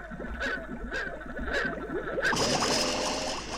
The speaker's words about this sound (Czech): A já bych potřeboval, kdybys vzal kousek stébla a nafoukal do nádrže trochu bublinek.